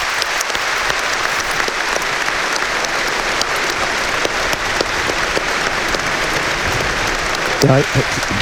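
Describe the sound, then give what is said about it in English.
Sustained applause from a large stadium crowd on All-Ireland final day, a tribute to the late Stephen Gormley, a steady dense wash of clapping that holds evenly throughout, with a brief voice surfacing near the end. “And before Aron Levine, there's a nice moment's applause going to be had for the late Stephen Gormley.”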